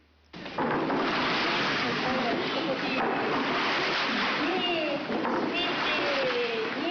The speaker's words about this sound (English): With a temperature of around 50 degrees Celsius, the hot spring water must be cooled down to a temperature suitable for bathing. One way to do this is yumomi, stirring the water using wooden paddles.